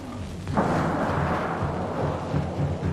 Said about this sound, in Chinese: 我们看一下这些简单的道具，其实是用来拟声的。我们可以看一下前面有一个电影，我们可以模拟一下它的声音。我们听一下啊，有没有感受到在雪地里艰难行走的声音？刮风和下雨，打雷的声音。有感受到北风呼啸吗？